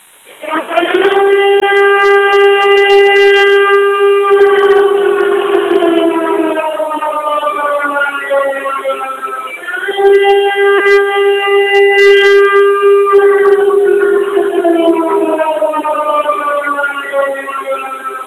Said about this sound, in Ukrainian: Увага! Громадяни! Повітряна тривога! Жовтий рівень загрози! Якнайшвидше дістаньтесь захисної споруди або іншого безпечного місця!